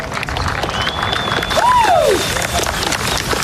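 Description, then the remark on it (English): The crowd at the 2026 NFL Flag Championship in Indianapolis applauds and cheers steadily for the runners-up team Fast Break, dense clapping filling the whole stretch, with a rising and falling whoop cutting through partway along with a thin high whistle. “They knocked off the defending champions in the semifinals, so let's hear it for Fast Break.”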